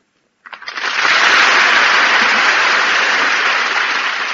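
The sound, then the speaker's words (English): Audience applause for Meredith Wilson, Jose Ferreira and Ray Middleton after a reading swells up after a brief start of scattered claps, then holds as a loud, dense, steady roar of many hands clapping for several seconds, with no voices heard. “I heard the applause of the multitude and I came running out.”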